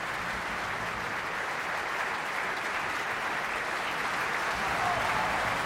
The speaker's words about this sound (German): Das ist der Applaus für Andreas Bauer-Cannabas. Er hat Stefano Colonna gesungen, den anderen Widersacher Rienzis.